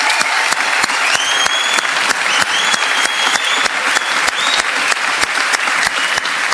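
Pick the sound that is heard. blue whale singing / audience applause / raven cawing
audience applause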